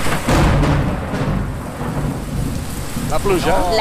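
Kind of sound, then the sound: nature, rain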